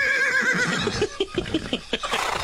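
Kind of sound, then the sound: animal, horse neighing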